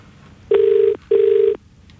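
A phone's ringback tone sounds twice in quick succession, two buzzy, steady, fairly loud bursts of about half a second each, separated by a brief pause, with no one speaking.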